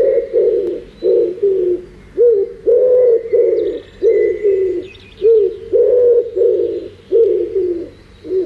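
A wood pigeon, a migratory bird, coos in a steady, repeating pattern of soft, throaty hoots, clear, with faint higher bird chirps in the background and no voices.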